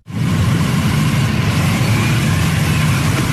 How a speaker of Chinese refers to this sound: 上午9时许，七一勋章获得者集体乘坐礼宾车从驻地出发，由礼宾摩托车队护卫前往人民大会堂。